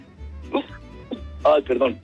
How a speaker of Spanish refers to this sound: Perdón, pero me dieron ganas de estornudar.